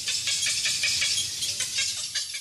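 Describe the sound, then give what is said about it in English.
Cattle egret calls: a rapid, steady series of harsh, raspy croaks, roughly five or six per second, over a constant hissy background. No one speaks. “So I just love the cattle egret.”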